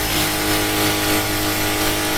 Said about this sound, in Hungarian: Ez egy fúró gép. Hát ez hétvégén a legjobb.